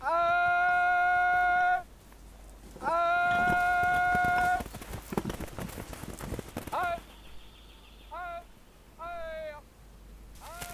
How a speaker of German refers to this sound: Auf Korsika sind Schweine kein seltener Anblick. Doch mitten in den Bergen.